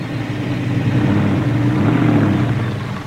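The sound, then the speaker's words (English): A pickup truck of nearly 5,000 pounds rumbles steadily in a daredevil stunt as it drives over a man's body, a deep low engine drone swelling slightly as it moves, with no voices over it. “We're using a truck, so we're coming pretty close to a 5,000-pound vehicle.”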